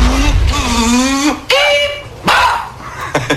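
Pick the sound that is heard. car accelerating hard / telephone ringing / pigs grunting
car accelerating hard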